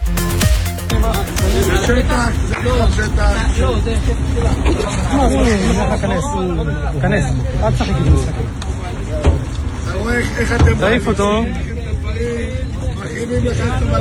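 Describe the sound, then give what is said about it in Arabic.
A large crowd of residents in the village of Bir Hadaj in the Negev protests a raid by Internal Security Minister Itamar Ben Gvir, with loud, overlapping voices and raised shouts, a dense, continuous hubbub that never lets up. “ولذلك خلال اقتحام آخر وإضافي لبلدة عربية من وزير الأمن الداخلي إيتمار بن غفير للقرية حيث تجمع عدد من السكان الاحتجاج على هذا الاقتحام.”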